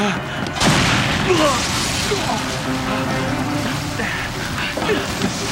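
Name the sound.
chemical warehouse explosion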